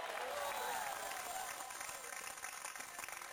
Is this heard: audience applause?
yes